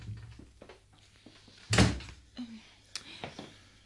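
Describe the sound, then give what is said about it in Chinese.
A door is opened with a single sharp clunk of the latch, fairly loud, followed by a few faint knocks and rustles in otherwise quiet surroundings. “我系阿姨啊，开门先啦。”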